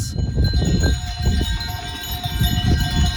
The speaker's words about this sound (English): It was the unmistakable sound of a herd of goats in the way. So I was unceremoniously carted off the path that we needed to walk down by the tranquil goats that were giving us a nice meditative moment for the afternoon.